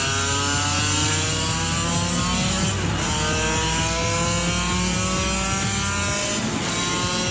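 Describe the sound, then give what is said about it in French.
The engine of a 35-year-old motorcycle revs hard and continuously on a straight, its pitch climbing steadily through the gears with a loud, sustained high-pitched whine, briefly dipping at shifts before rising again. “Oh là là! Ça n'en finit pas de prendre des tours.”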